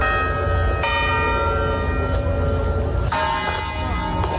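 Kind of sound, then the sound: signal or alarm, clock tower bells chiming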